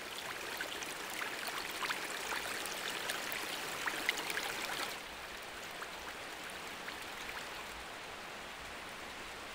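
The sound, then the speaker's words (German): Water rushes down an artificial waterfall toward the Teufelsbrücke (Devil's Bridge) in a dense, steady roar, loud for the first half before settling to a slightly softer, continuous wash. “Die Zuschauer strömen, das Wasser schießt zur Teufelsbrücke.”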